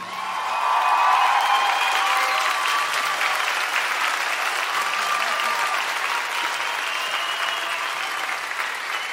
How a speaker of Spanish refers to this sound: Señoras y señores, un fuerte, fuerte aplauso para el maestro Enrique Neri.